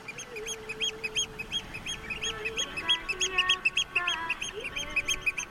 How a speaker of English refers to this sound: When you listen to the oyster catcher's alarm calls, they shout, Biclich, Biclich.